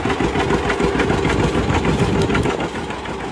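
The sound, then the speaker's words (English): A loud, throaty NHRA drag racing car engine roars continuously, a dense rumbling growl with rough pulsing texture and no break for the full few seconds. “NHRA will roar at Bristol Dragway this weekend with the Supercrypt Thunder Valley Nationals.”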